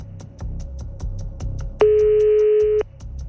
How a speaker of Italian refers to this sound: Questo è il terzo squillo. Dai. Quarto squillo, al sesto, ragazzi, sono la fortuna. Quinto squillo, non ci credo, dai. Non ci credo, dai. Ultimo squillo.